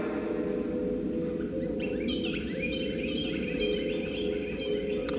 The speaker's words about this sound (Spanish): Aquí es de noche, canta el jilguero y ladran los perros.